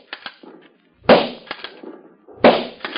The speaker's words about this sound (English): Our story opens far down in the Pacific Ocean on the Philippine Islands. Men in khaki are engaged in target practice.